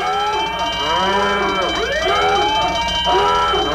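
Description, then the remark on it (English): A loud siren alarm wails continuously, several overlapping tones sweeping up and down in pitch with a harsh, buzzy edge, filling the whole few seconds with no voices. “The alarms are going off.”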